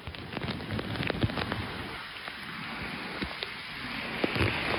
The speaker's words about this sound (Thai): โพสต์คลิปลูกเห็บตกอย่างหนักค่ะ ลูกเห็บตกเต็มถนนเจ็บมากหัวจะแตกเสนาวังหินลาดพร้าว